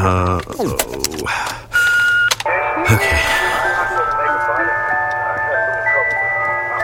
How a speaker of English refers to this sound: Wait, I know this song. It's so annoying. It plays over and over and over again because it's the ice cream truck.